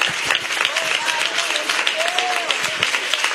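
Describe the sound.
An audience claps in a dense, steady burst of applause that lasts throughout, with a few raised voices calling out over the clapping.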